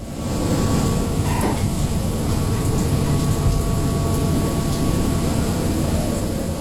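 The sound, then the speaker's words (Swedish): Rain beats steadily on the deck of the Dutch research vessel Pelagia in the North Atlantic in November 2020, a dense, continuous hiss and patter layered over a deep droning rumble with a faint tonal hum. Loud and unbroken throughout, with no voices. “Regnet slår mot däcket på det nederländska fartyget Pelagia.”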